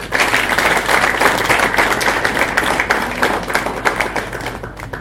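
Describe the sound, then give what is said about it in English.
Sustained applause from an audience welcoming the Honourable Member Kimani, the MP for Molo, dense overlapping claps at a steady loud level for several seconds, with no one speaking over it. “Join me, please, in welcoming the Honourable Member Kimani, the MP for Molo.”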